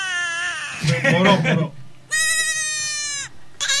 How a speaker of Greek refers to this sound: Τα λευκά πρόβατα έχουν τον ήχο που πολλοί το λένε το κλάμα της μάνας.